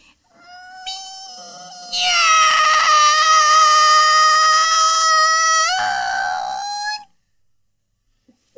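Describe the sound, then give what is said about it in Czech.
A person imitates a cat with one long, drawn-out meow lasting several seconds, a high, strained tone that swells loud in the middle and then tapers off abruptly, made with knees bent. “Tak, kolínka pokrčená a už mňoukám.”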